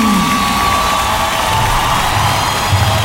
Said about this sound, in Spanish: Un grupo que nos llega directamente desde Colombia. Señoras, señores, fuerte el aplauso para la orquesta